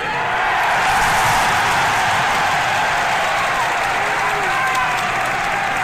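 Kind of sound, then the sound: crowd, crowd cheering and applauding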